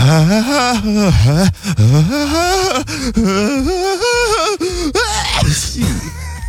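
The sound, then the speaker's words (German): A theatrical, opera-singer style sneeze with a long drawn-out build-up: loud, wavering, almost sung gasps rise and fall for several seconds before a sharp, breathy burst near the end, alone. “Hier zum Beispiel, das wäre die Spezies Opernsänger. Die bauen ihr Nieser quasi immer groß auf.”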